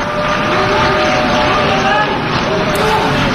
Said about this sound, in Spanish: Parte de las delegaciones han empezado a abandonar la sala. Se mezclaban las protestas y los aplausos de otras delegaciones que han decidido permanecer y apoyar al primer ministro israelí.